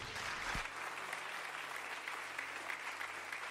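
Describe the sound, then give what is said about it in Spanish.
A crowd claps steadily for several seconds, a dense, sustained wash of applause without pause, with no voices rising above it. The applause is given to God at a speaker's request. “Póngame esto por acá, denle un aplauso a Dios.”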